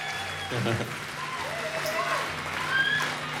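A concert audience claps for the opening act at a steady, fairly even level, with a few cheers and whoops rising above the dense patter throughout.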